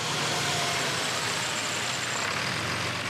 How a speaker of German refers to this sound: Das letzte Stück darf Christoph den Bus endlich selber fahren.